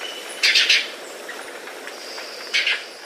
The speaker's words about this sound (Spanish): Pese a su nombre, come frutos, flores e insectos. El trino del guayabero ocre forma parte del Banco de Sonidos de Aves Colombianas, recopilado por el Instituto von Humboldt y la Universidad de Cornell.